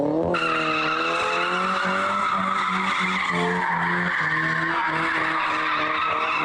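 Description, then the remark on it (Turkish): Loud, sustained tire screeching from cars drifting in Ankara, Turkey, the high squeal wavering over a revving engine drone for the whole stretch, continuous with no voices. “Ankara'da araçlarıyla drift atan 11 kişi yakalandı.”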